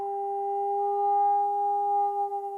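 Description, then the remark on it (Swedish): A steady electronic sonar tone hums without a break for a few seconds, a pure mid-pitched note with a fainter higher overtone, wavering slightly at the end, with no voices; sound waves sent down from a boat above the Challenger Deep to measure the ocean's depth. “Och det man har gjort då, det är att skicka ner ljudvågor.”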